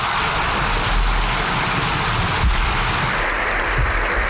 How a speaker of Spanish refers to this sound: Aplausos, sí. Bueno, he dicho para todos nosotros, pero en realidad no son los aplausos. Son aplausos que hemos recogido del Congreso de los Diputados